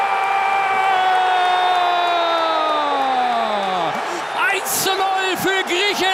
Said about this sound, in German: Wir hören dazu jetzt Stimmen von Fußballfans, von Bundestrainer Jürgen Klopp und natürlich hören wir auch den Torjubel für Griechenland.